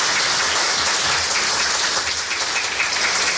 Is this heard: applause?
yes